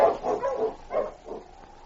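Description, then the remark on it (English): Sled dogs being turned around and hurried along a back trail bark in a quick run of about five sharp, yelping bursts, moderately loud, with no talking over them. “His heart was heavy with concern as he turned the dogs around and hurried them along the back trail, looking back over his shoulder periodically at Sergeant Preston slumped in the sled.”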